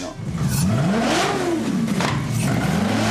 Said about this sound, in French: On a un moteur Maserati, quoi, sur une moto, enfin... Celle-là, je voulais avoir le son du V8, en tout cas, et un moteur italien. Du coup, je suis parti sur un V8 Maserati Gran Turismo S, 4,7 litres, 470 chevaux.